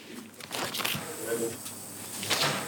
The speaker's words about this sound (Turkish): şu kapı eşik kaplamalarını şimdi sökersem bu pek de roket bilimi değil.